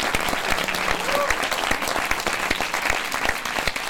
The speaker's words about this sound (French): Tous vos applaudissements.